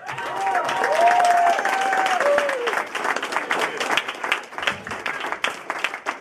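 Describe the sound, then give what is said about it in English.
An audience at a Chicago comedy show bursts into loud, sustained applause as the next comedian is introduced, with dense overlapping clapping, a few high whoops and cheers early on, and the clapping thinning slightly toward the end. “Next up, give it up for our good friend”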